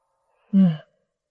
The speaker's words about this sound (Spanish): quiero que cierre sus ojos, quiero que respire profundamente, ¿está bien? Profundo, exacto. Otra vez hágalo.